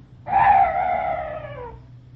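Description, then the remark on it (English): A single strange, drawn-out night bird call rings out in the dark, a clear wavering tone that slowly sinks in pitch before fading away, heard alone over a faint low background hum. “That bird was the only noise I've heard in this place.”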